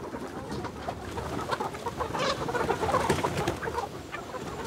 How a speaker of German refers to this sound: Manchmal beobachtet Christine ihre Hühner noch beim Erkunden der Wiese